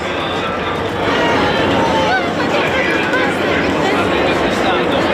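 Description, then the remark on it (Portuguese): A large crowd applauds and cheers steadily as Pope Leo XIV arrives by car and steps out at the Gemelli Hospital in Rome, a dense, loud wash of clapping and excited voices that continues without pause throughout. “Vemos agora que está já prestes a sair do carro e aqui o vemos, Leão XIV, muitos aplausos neste momento.”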